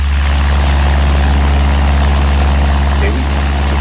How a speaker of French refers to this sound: Alors on a pris un bruit classique, c'est un Cessna. Bon, comme il y a plusieurs séries, je ne sais plus lequel on vous a mis, mais enfin on a pris un Cessna